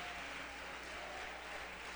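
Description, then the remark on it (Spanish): An audience applauds the Lord, a dense, steady wash of many hands clapping that holds evenly for the whole two seconds without any voices over it. “Fuerte ese aplauso al Señor, mi hermana.”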